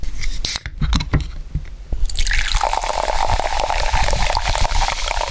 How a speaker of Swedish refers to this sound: Några klunkar iskallt kolsyrat vatten. Det är gudarnas nektar.